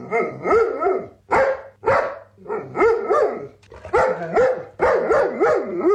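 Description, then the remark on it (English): A six-year-old black Labrador retriever named Loki lets out a loud, rapid string of warbling barks and yowling, howl-like woos, about eight bursts with rising and falling pitch, with no one talking. “The deliriously happy pooch had this to say about his glorious day.”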